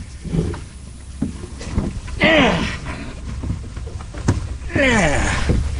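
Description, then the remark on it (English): A lobsterman clambers aboard his lobster boat on a morning out on the water: scattered hollow thumps and two drawn-out squealing creaks over a steady rumble of wind and water. “Well, my boat ready to get aboard the boat. If I can get up.”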